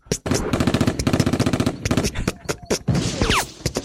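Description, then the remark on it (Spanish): A rapid, crackling string of small explosions fires off loud, like a burst of automatic gunfire, then turns into scattered, irregular blasts with a brief whooshing sweep near the end. “Ok, habemos unos un poco más sanos que somos como palomitas, que vamos así en mini explosiones.”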